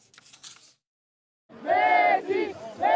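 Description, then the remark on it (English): A stadium crowd of football fans in blue and white cheers at Dallas Stadium during a World Cup match as Lionel Messi makes history for Argentina: a short burst of noise, a brief pause, then a loud, sustained roar of many voices chanting and shouting together, rising and falling in waves. “Dallas Stadium was a cauldron of noise and a sea of blue and white as fans saw Lionel Messi make more history for Argentina.”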